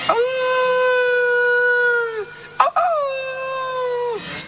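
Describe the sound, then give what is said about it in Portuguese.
Two long, steady howls, each held about two seconds and separated by a short break, loud; they sound like a human voice imitating wolves howling, on a snowy, bitterly cold winter day. “Os lobos fomentos, ganas de comer carne humana, estaban os lobos ouveando.”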